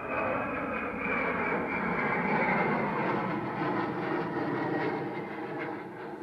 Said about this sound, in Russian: С шумом пролетает самолет.